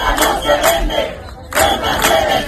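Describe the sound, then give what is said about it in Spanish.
A large crowd chants the protest slogan "Ceuta no se vende, Ceuta se defiende" in support of Ceuta, Spain, in unison: loud rhythmic bursts of shouted syllables that pause briefly midway and then start up again with equal force. “Ceuta no se vende, Ceuta se defiende, es el grito que esta tarde va a resonar en las calles de toda España.”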